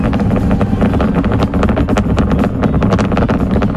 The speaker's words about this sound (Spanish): Eso es entiendo que es el cohete despegando, sí, no es el mechero una cafetera, de no es una cafetera.